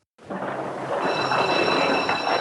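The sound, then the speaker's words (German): A train rumbles steadily at a station, a broad hissing roar with a thin high-pitched whine, as of squealing wheels or brakes, running over it after a second. No voices are heard. “Auf dem Bahnhof sitzt er mit Frau und Kindern im Zug.”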